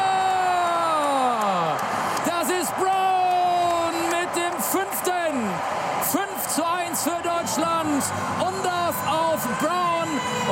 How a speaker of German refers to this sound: Sein erstes Tor und völlig losgelöst feiern die deutschen Fans in Houston diesen Treffer.